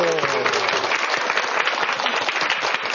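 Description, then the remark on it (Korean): An audience bursts into steady, dense applause that fills the whole three seconds at an even loudness. Near the start, a man's brief call is heard under the clapping. “아이고 박수 한번 주세요.”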